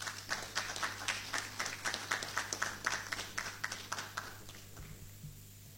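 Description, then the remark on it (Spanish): Applause in Paraguay's Honorable Chamber of Deputies during a tribute to the top scorer of the CONMEBOL Nations League 2025-2026: a steady patter of many hands clapping, fairly faint, with rhythmic bursts of claps that taper off and fade out near the end. “Fuertes los aplausos.”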